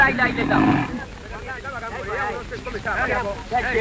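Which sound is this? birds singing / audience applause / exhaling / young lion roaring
young lion roaring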